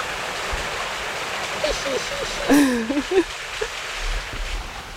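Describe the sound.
Water washes and laps steadily against wooden pilings, a continuous broad rushing wash, with a brief indistinct voice rising over it midway through.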